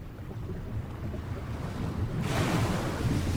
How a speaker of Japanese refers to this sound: 黒い溶岩の海岸、白い波が何度も何度も岩へ打ちつけます。ドーンドーン。海は決して穏やかではありません。立っているだけでも波しぶきが足元を濡らしていきます。